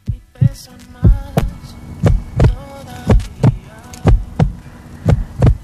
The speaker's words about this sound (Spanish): Notar su latido en mis manos mientras se iba quedando sin respiración.